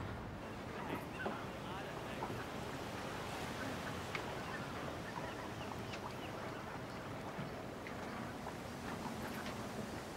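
Strong wind roars steadily over open water, a dense, continuous rush with waves splashing underneath and gusts buffeting the microphone for the whole stretch.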